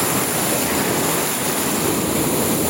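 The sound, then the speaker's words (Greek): Steady, dense roar of churning, foaming sea surf washing onto a beach at Kamari, Greece, a continuous hiss of foaming water without clear breaks between waves, fairly loud, with no voices. “Αφρισμένη θάλασσα.”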